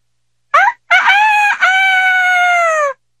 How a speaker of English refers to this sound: But in the morning, the cockerel of the potter's child began to crow.